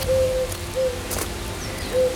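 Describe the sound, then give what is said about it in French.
A turtle dove coos in a few soft, steady notes spaced apart, outdoors by the Vézère river in Nouvelle-Aquitaine, against a low constant rush. “On est accueilli par le chant de la Vézère, par les oiseaux. On a la tourterelle”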